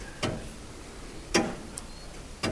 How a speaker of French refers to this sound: Là, c'est le tic-tac de l'horloge. Elle dégraine le temps et de temps en temps, on remonte le poids de l'horloge et le poids de ce qui l'a fait tourner, ce qui l'a fait sonner.